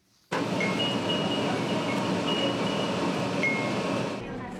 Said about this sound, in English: Next, the sound of wind chimes in the breeze is a staple of Japanese summers, and now they're being used to help quake-hit Kumamoto Prefecture. A tram decked out in the little bells is asking for donations.